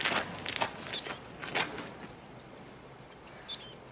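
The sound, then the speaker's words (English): A few scuffing footsteps crunch outdoors, irregular and fading, as a man gets out of a car and walks away, while small birds chirp briefly in the background. “He punches the air as he walks away.”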